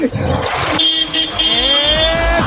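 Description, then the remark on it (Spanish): A car horn played in for a radio show's horn game blares in one loud, long, sustained blast, its bright, buzzy tone bending slightly upward in pitch, preceded by a brief rumbling noise. “Aquí va mi bocina.”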